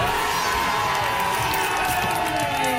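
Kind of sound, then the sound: crowd, crowd cheering and shouting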